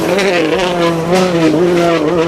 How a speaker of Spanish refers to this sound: Pues no, chicos, esto es, que escucháis, es un coche de rallies.